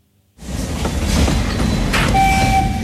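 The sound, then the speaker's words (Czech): A steam train on the Osoblaha narrow-gauge railway arrives at Slezské Rudoltice with a steady, heavy low roar, then a faint high whistle-like squeal of brakes rises near the end. No one speaks. “Na parní vlak jsem si počkal ve Slezských Rudolticích a seskakuje z něj Vít Bumba.”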